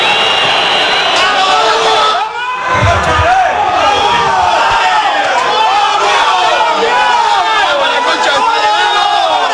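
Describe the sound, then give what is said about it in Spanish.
A loud football stadium crowd cheers and chants without pause after Huracán's 2-0 win over San Lorenzo at San Lorenzo's home ground in the 2026 Clausura tournament, thousands of voices blending into a dense, rising-and-falling roar with a brief dip and low thump early on. “Escuchemos a la gente.”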